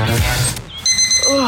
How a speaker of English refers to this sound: Why did you set the alarm so early?